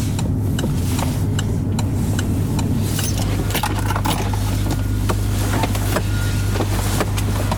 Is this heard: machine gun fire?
no